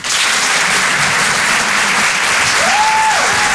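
Loud, steady applause from the audience at the Rire et Chanson Comedy Club, a dense unbroken wash of clapping. Near the end a brief whistle-like tone rises and falls over it.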